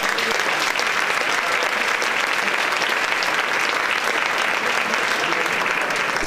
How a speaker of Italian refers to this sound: Noi siamo a Loreto, al santuario di Loreto, quindi ti facciamo un applauso e un saluto grande.